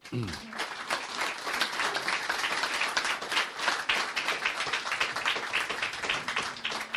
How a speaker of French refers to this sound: Voilà, merci Georges Malbruno, je vous demande de l'applaudir.